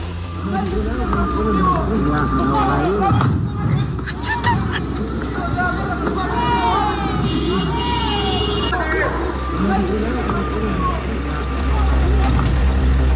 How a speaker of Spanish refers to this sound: Escuchemos parte de lo que fue este ambiente protagonizado por parte de estos encapuchados quienes bloquean el tránsito y posteriormente lanzan estos elementos combustibles.